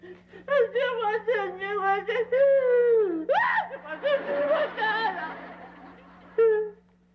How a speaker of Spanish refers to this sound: Y entró …, pero él también salió llorando y no me dijeron qué es lo que pasa. Mírelo. A ver. Oye, …, ¿qué tienes? ¿Por qué lloras?